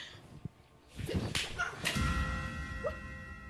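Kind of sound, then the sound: impact, slap across the face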